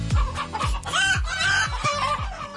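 A flock of chickens clucks loudly, a busy stream of short, repeated clucks in a steady rhythm with no voices over it.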